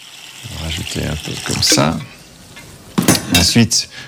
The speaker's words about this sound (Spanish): Comenzaremos agregando agua. Es el ingrediente principal.